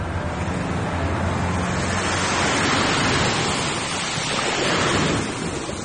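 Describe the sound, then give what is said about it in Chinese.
Rough, surging sea waves outside a window roar steadily, a dense wash of surf that swells louder twice before easing back, with no voices and a wind-like hiss running throughout. “窗外是大海。蔡小春面无表情地看着窗外波涛汹涌的海面。”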